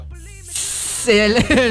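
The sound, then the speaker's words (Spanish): A voice imitates a toilet flushing: a brief tonal hum, then a short, loud hissing rush of air, followed by a drawn-out vocal sound. “Tirando agua. Sí, escucha como cuando le bajas a la taza.”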